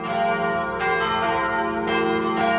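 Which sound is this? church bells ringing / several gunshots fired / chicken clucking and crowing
church bells ringing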